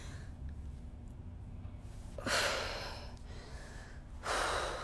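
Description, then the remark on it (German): A woman in labor with her second child breathes heavily and laboriously, with two long, loud exhalations separated by a quieter pause, over a low background hum and no talking. “Sie atmet. Sie stöhnt.”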